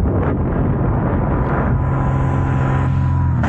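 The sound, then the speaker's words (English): Over the Austrian Alps, a small plane's engine drones over loud, steady wind roar as it flies straight through a woman's paraglider, its pitch shifting as it closes in, with a brief jolt of impact as it clips the parachute and no voices. “Here's the audio from, you'll hear the plane coming and making connection.”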